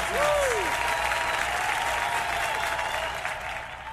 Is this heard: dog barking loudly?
no